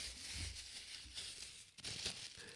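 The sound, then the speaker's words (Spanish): Paper and plastic wrapping being unwrapped from a cup, a steady soft crinkling and rustling with brief pauses, ending in a sudden louder bump. “Está envuelta en más papeles y plásticos que nada.”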